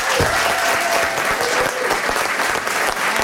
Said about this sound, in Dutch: Vandaar onze staande ovatie